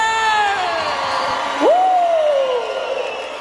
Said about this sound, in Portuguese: A salva de palmas pra você!